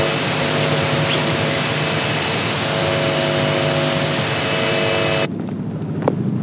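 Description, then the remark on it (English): A helicopter drones overhead outside the National Archives: a loud, steady, wideband roar with layered low humming tones, sustained for several seconds before cutting off abruptly to quieter background near the end. “Just noticed another helicopter again. This time outside the National Archives.”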